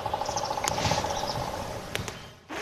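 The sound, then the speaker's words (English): A red-cockaded woodpecker, heard while walking in a park, calls with a rapid, even run of short, thin notes for about a second. Several sharp ticks follow over a steady outdoor hiss. “And we are walking and we heard what we think could have been the red-cockaded woodpecker.”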